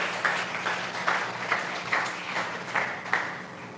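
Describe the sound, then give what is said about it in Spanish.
A church audience claps for the Lord in a steady, even rhythm, with sharp accents roughly twice a second over a dense wash of many hands. No one speaks. “Dele palmas al Señor.”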